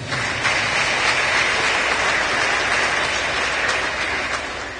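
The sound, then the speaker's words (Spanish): A church audience claps for the Lord steadily for several seconds, a dense, continuous patter of many hands with no voices standing out, holding an even loudness throughout. “Cuando dan palmas al Señor.”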